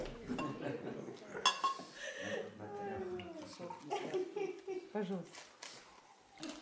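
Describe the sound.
Water is poured into a glass for the defendant during a court hearing, its gurgle rising in pitch as the glass fills, after a brief glassy clink, with muffled voices in the background.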